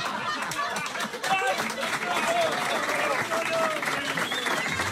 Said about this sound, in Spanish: Mira cómo me aplaude la gente.